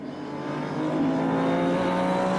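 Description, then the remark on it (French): A race car engine drones loudly and steadily, its pitch climbing slightly as it accelerates to pass another car, with no voices over the motor noise. “Se glisser, ah donc il va passer l'autre voiture.”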